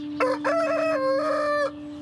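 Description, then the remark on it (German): A large Brahma rooster, kept with a flock of hens in Lauda-Königshofen, crows once, a long, loud cock-a-doodle-doo of about a second and a half, rising and then holding its tone, with a steady low hum beneath it and no talking. “Den Tag später hat er 115 Mal gekräht.”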